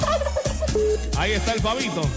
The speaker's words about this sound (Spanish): pero ya te voy a colocar efecto sonido el pavo. Espérate un momentico. Aquí está. Ya ahí está. Ahí está el pavito, ¿yo? Oye, escúchelo.